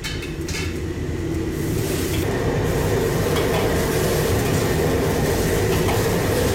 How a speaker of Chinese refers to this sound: 首先我们在锅中加入适量的清水，加入食用盐一勺，然后将花菜沥干水分，大火烧开之后下入花菜焯水一分钟，中途加入适量的植物油保色。